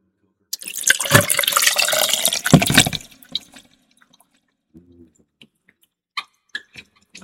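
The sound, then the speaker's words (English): Pusser's rum poured over ice for a fizz cocktail in a steady splash lasting a couple of seconds, followed by quiet pauses and a few small clinks and drips. No one speaks. “So I got my ice in, got Pusser's, which is a mighty good rum and coker.”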